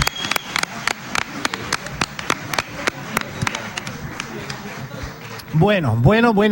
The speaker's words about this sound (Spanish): Bueno, un aplauso muy fuerte al ….